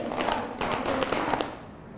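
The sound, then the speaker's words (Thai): A group of children in a class claps five times and pats their laps five times on the teacher's cue, in quick, slightly uneven bursts of sharp taps that fill the first second and a half, then fade into quiet. “ปรบมือ5ครั้งตบตัก5ครั้ง”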